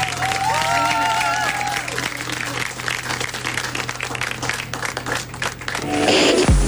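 A crowd applauds in a dense, steady clatter of clapping for several seconds, with a few high whistles early on, before a swooping electronic tone rises over the end.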